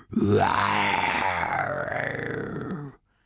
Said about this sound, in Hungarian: Ásított az oroszlán.